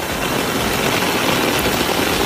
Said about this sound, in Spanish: El sonido de la tromba de agua que ha caído en el sur de la provincia, hasta 200 litros por metro cuadrado.